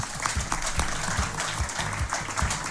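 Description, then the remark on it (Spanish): A crowd applauds steadily for Claudio y Marcelo, artists from Quillota confirmed for the Expo Quillota, many hands clapping in a dense, continuous patter that holds at a fairly even loudness throughout, with faint low murmurs underneath. “Un aplauso a Claudio y Marcelo porque son nuestros, son de Quillota.”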